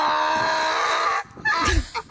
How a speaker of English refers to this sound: Let's hear the real donkey sound.